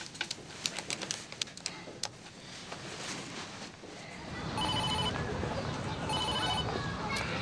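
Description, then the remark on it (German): A phone line rings twice on an outgoing call, two steady electronic ringback tones separated by a short pause. Faint rustling and handling noises come first, with a low background hum throughout. “Ich will sie nur anrufen. Gib mir bitte das Telefon, ja?”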